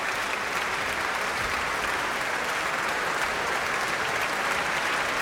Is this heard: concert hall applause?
yes